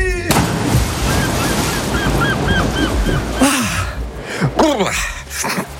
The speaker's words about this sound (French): Ah, ça sent les vacances, le petit bruit de mouette là.